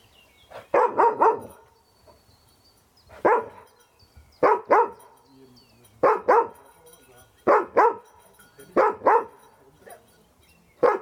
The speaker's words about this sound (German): Das fängt an zu bellen. Brauchst keine Angst an der Bellen. Alles gut, ich habe Hundeerfahrung.